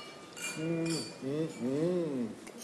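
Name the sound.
wine glasses clinking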